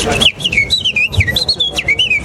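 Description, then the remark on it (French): A person whistles a quick, warbling imitation of warbler song, a run of rapid rising and falling chirpy notes, fairly loud, with faint low background noise underneath. “Ben, en fonction de si c'est des taillis, ça va être des fauvettes.”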